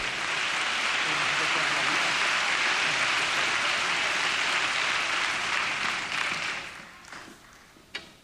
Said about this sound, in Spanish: Vamos, denle aplauso al Señor, deme un break.